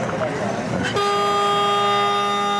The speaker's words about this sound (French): C'est le buzzer qui indique que 7 minutes de jeu pour. Pour prendre une minute supplémentaire.